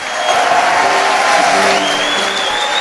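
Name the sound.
audience applause and cheering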